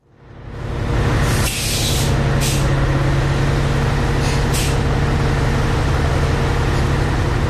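A diesel bus engine hums steadily and loudly, with a deep constant drone and a few sharp hisses of air releasing near the start and middle.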